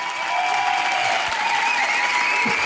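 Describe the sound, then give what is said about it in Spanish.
A crowd applauds steadily for the full stretch, dense and loud clapping with faint whistles or cheers riding on top, no pauses or talking, applauding the girls and boys of the program Un Nuevo Sendero hasta el Manantial. “Un fuerte aplauso para todas las niñas y los niños del programa de Un Nuevo Sendero hasta el Manantial.”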